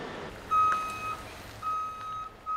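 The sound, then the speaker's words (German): An eight-axle heavy transport truck maneuvering onto a construction site over a bridge sounds its reversing alarm in long, steady, mid-high beeps, about three in a row with short gaps, over a low, rumbling engine idle. No one speaks. “Und der Kollege, der da drauf sitzt, der fährt schon so lange diesen Achtachser, also da, das läuft.”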